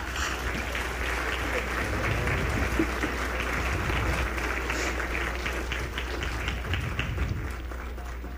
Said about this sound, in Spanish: fuerte aplauso a la orquesta.